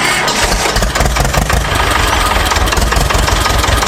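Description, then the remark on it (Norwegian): A tractor engine idles, a steady low rumble with rhythmic mechanical chugging that holds loud and even throughout, with no voices; one of the tractors brought by Gutum Traktorlag to show the development of farm tractors. “fra Gutum Traktorlag hadde med seg noen traktorer da for å vise den store utviklingen som har vært også her.”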